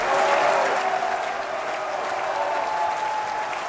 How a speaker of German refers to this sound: Am Ende erntet Regisseur Barry Kosky gleichermaßen Jubel und Buhrufe.